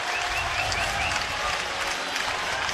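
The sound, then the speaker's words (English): A large baseball stadium crowd roars and applauds continuously in reaction to a replay review verdict confirming a play, a dense wash of cheering and clapping with a few whistles rising above it, steady and loud throughout. “Just go by the crowd's reaction.”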